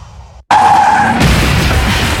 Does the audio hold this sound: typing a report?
no